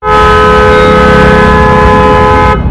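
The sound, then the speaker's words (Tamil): A loud, sustained vehicle horn blares on a street on the way to a bus stop, without a break for over two seconds, its steady harmonic tones ringing out over a low rumble of traffic, then cuts off abruptly. “என்னென்ன காது பிஞ்சிடும் போல இருக்கு, இப்படி ஹாரன் அடிக்கிறாங்க, பா கேட்கவே ஒரே கடுப்பா இருக்குனே.”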